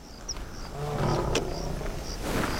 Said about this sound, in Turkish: Aslanlar. Tam önümden bir aslan kükremesi geldi.